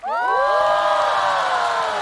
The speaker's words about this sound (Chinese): 我努力练习唱跳，就是为了听到台下尖叫。